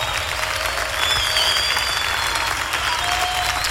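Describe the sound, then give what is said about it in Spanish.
A large group claps steadily and continuously in praise of Jesus, a dense wash of applause at a constant, fairly loud level from start to finish. “aplaudimos a ti, Jesús.”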